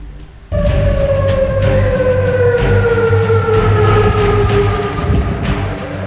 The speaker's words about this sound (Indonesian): Suara sirene peringatan menggema di berbagai kawasan di ibu kota Yordania, Amman, saat militer Yordania mengumumkan berhasil mencegat tiga rudal balistik Iran.